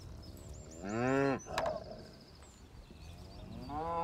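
A cow, one of a herd of mother cows kept outdoors together with horses, lets out a loud, drawn-out moo, then another low moo begins near the end, with faint bird chirps and soft rustling in between.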